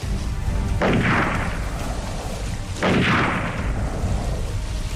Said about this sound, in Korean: 이 모든 일이 어떻게나 갑작스레 일어났던지 놈들은 오리뽕뽕에 있다가 한참 지나서야 깨닫고 일제히 물에 대고 총을 쏘았다.